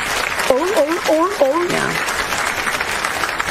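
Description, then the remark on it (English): A crowd claps steadily throughout, a dense wash of applause, with a few short rising whoops or cheers over it in the first couple of seconds. “Listen to the seals clapping.”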